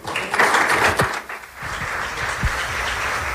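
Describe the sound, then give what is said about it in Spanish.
An audience applauds steadily, a dense wash of many hands clapping at once, with a brief dip near the middle before the clapping swells back up and continues evenly, after a speech by licenciado Gastón Alegre López at a Lawyers' Day (Día del Abogado) celebration. “Con aplausos, así se despiden a las palabras del licenciado Gastón Alegre López.”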